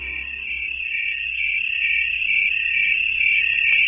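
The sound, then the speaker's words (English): Tree crickets call from shrubs or trees on a warm night, making the sound by rubbing ridges on one wing against a scraper on the other, in a steady, continuous high-pitched chorus that holds at an even, fairly loud level throughout, with a low faint rumble underneath and no voices. “Tree crickets call from shrubs or trees on warm nights.”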